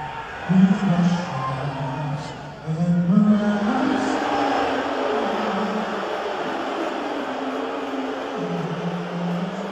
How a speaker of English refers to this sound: They were not chanting USA at Trump. That is not what was happening. They were booing the hell out of him. And we should love it.